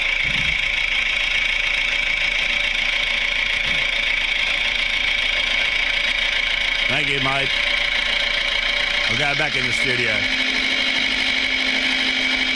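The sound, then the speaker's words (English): A small red tractor engine runs steadily at a low idle, a constant rumble throughout, while a man briefly speaks over it; the tractor then drives off. “There he goes in the little red tractor.”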